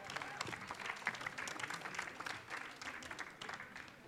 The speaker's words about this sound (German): Applaus, ja.